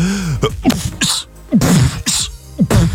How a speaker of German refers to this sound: Ja, oder der hier, die Hip-Hopper unter den Niesern, der Typ Beatbox.